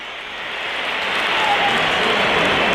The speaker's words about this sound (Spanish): Pitos para Chouameni.